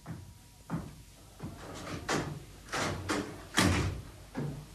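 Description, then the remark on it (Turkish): A front door being opened: a series of wooden clunks and latch rattles spread over a few seconds, moderately quiet, with no voices. “Kapıyı ben açarım.”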